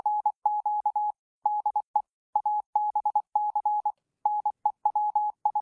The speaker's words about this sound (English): That's Morse code for ABC News Queensland. And thank you very much to the loyal listener who put that little one together for you.